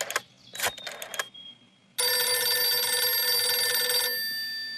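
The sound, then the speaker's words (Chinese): A few quick clattering bursts, then a loud, close telephone bell rings in one continuous jangling stretch of about two seconds before cutting off and fading. No one speaks. “薛成业说完，马上示意李介仁把电话打给侯静茹。”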